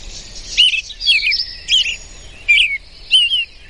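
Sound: bird call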